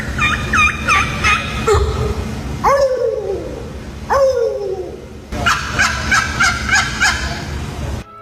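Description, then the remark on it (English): Turkeys gobble in loud, rapid bursts, their warbling calls overlapping with a few drawn-out, falling yelps in between, all set against a steady low rumble. “The first one, I've never heard a turkey sound like that.”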